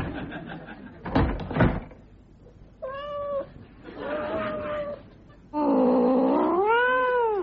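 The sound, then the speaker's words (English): A cat meows three times, each call louder and longer than the last, ending in a drawn-out wailing yowl. A couple of sharp knocks, like a cupboard door, sound just before. “if you are the guest of someone who owns a cat, you'd better watch out”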